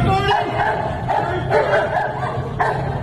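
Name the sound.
police dog barking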